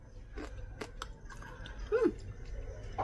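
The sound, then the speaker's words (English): Moist chewing of a crunchy, spicy dish mixed with perilla oil and sesame seeds during a taste test, with a few sharp crackling bites spread through a few seconds of otherwise quiet background and no talking. “It's refreshing, got a nice bit of crunch, spicy for sure, has a little bit of a nutty flavor.”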